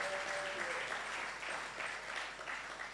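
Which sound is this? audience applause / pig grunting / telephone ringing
audience applause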